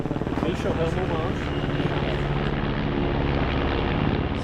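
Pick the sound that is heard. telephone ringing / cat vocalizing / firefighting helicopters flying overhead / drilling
firefighting helicopters flying overhead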